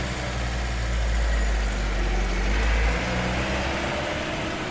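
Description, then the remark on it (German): A transport van's engine rumbles steadily with a deep low-frequency drone, swelling slightly as it pulls away from a camp carrying a man, with no voices present. “Dann fährt der Wagen los.”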